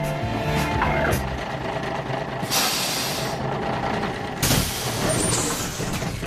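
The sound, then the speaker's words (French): A bus arriving at Les Verrières, Switzerland, after a trip from Fleurier station rumbles with a low idling engine, then releases two loud hissing bursts of air brakes, a broad sharp whoosh over the steady motor drone. “Après un périple en bus depuis la gare de Fleurier, j'arrive enfin aux Verrières.”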